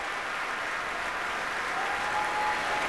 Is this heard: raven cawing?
no